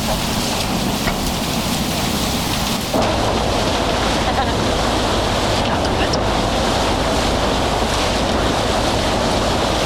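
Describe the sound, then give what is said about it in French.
A shuttle ferry running from L'Estaque to the Old Port of Marseille churns through water, with a steady, loud wash of waves and spray and a low rumble underneath; the rushing noise shifts slightly a few seconds in. “Ça, c'est le bateau qui mène de l'Estac au vieux port de Marseille. La navette.”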